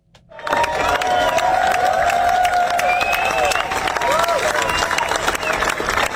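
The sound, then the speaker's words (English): A large street crowd in the Mumbles, Swansea, applauds steadily as a funeral procession carrying a singer's coffin passes, a dense wash of clapping that swells in within the first half-second and holds loud throughout, with scattered cheers and raised voices mixed in. “The crowd applauded as the procession went past.”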